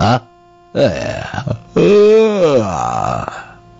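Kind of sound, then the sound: human body sound, yawn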